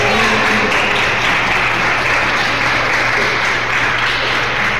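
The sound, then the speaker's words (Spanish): A crowd at a sermon applauds for Jesus steadily for about five seconds, a dense, loud wash of many hands clapping at once with no voices rising above it. “Un aplauso para Jesús.”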